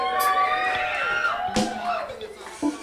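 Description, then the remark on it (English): A live audience at a band performance roars with overlapping shouts, whoops and whistles, punctuated by a few sharp smacks or claps, loud throughout, as the bass player is introduced. “Make some noise. I don't hear y'all clapping. Make some noise.”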